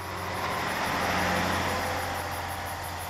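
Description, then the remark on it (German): A van's engine rumbles with a steady, broad roar and a low hum, swelling slightly midway as it drives past on its way to a lake, its headlights flickering through the thicket. No voices are heard. “Seit wann fahren Geister mit einem Transporter zum See?”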